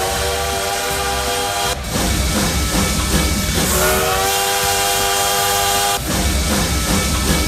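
A loud, sustained steam train whistle blows in two long blasts, its harmonic tones sliding slightly, over a rumbling, hissing engine chug with no voices, used as a sound effect on Paz FM radio's Modão da Paz show in Tocantins, Brazil.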